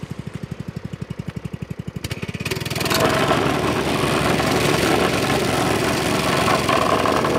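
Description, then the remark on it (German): A vibrating plate compactor idles with a steady chugging pulse, then revs up after a couple of seconds into a loud, continuous rattling roar that stays dominant to the end, compacting fill into a patched hole at a road construction site. “Möchtest du rütteln? Ja, mach du jetzt.”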